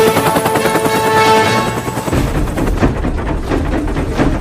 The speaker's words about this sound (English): The helicopter narrowly avoids hitting the mountainsides.